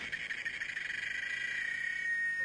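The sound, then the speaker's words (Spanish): A cicada sings in one loud, steady, high-pitched buzz that drones on without pause for the whole stretch, with a slightly pulsing texture and no voices. “Por un momento no se escuchó más que el canto de una chicharra.”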